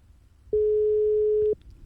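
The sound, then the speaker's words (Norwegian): A single steady telephone ringback tone sounds for about one second on an outgoing call, clear and sustained against a quiet line, then cuts off abruptly. “Og det ringer.”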